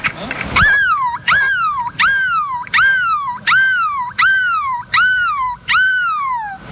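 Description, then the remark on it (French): A voice imitates a seagull's cry with about eight loud, high, wailing calls in a steady rhythm, each one swooping up and then sliding down in pitch, with short breaths between. “Pourrons-nous faire mieux que le cri de la mouette au milieu de la place de la République à Lille?”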